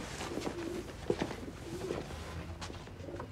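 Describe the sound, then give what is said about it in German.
A pigeon coos in a few soft, low, throaty phrases, with faint background rustling and no voices. “Die Taube.”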